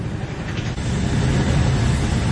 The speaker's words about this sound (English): The sound there of Royal Marines descending from ropes from a hovering helicopter.